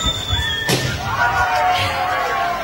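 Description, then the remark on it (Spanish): A person whistles a thin, wavering tune, broken by one sharp, loud pop of a balloon burst with a pin; afterwards the whistling carries on in sliding, steady tones. “una persona silbando y otra explotando un globo con un alfiler”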